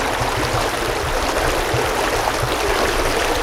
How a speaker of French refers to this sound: On y trouve la source d'eau potable Kolar et la petite rivière Teplica qui traverse le parc.